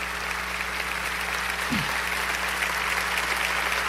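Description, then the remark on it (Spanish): An audience claps for Jesus in a dense, sustained wash of applause with no pauses, holding an even loudness throughout and no voices rising above it. “Dáselo a Jesús, porque si alguien merece un aplauso es nuestro Salvador y Señor.”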